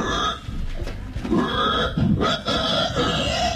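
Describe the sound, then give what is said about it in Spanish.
A person imitates a pig with a continuous run of loud, throaty grunts and snorting oinks, filling the whole stretch without any ordinary talk. “Pero así hacen los chanchos.”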